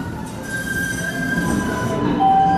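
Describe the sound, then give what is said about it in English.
A Green Line light rail trolley in Boston rolls along its tracks with a steady low rumble, while thin, sustained metallic wheel squeals ring over it, growing slightly louder. “I took the Green Line and got off at Harvard Ave in Allston.”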